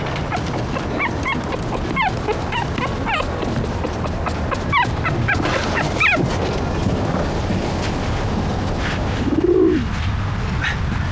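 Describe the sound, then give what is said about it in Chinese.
Pigeons being handed over by their owner coo among a steady scatter of short bird chirps, with one low, throaty coo standing out near the end over a dense, constant background bustle. “把鸽子接下，老婆，那个。 我的鸽子。”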